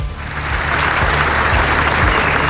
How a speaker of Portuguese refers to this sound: António José Seguro chegou a pé para encerrar as comemorações do Dia de Portugal. Foi recebido com um longo aplauso das centenas de pessoas que foram até ao pátio da Alfândega para o arriar da bandeira.